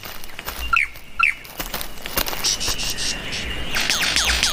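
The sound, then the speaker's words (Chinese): A lyrebird, which mimics other sounds in its courtship song, gives sharp, sweeping electronic-sounding calls like sci-fi laser blasts: two bright zaps early on, then a quick run of rapid downward sweeps, over a steady buzz of insects. “它此刻的叫声听起来就像科幻电影里的激光武器。”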